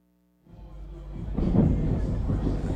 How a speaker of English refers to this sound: Some loud thunder as we come back from the commercial break.